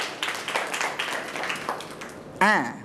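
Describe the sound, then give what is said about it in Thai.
A group of children clap their hands in a loose, uneven patter for a couple of seconds, applauding a correct answer in a true-or-false picture quiz, then a single voice rings out briefly, rising and falling in pitch at the end. “ถูกหรือผิดนะดูเฉลยเลยถูกต้องปรบมือครับ”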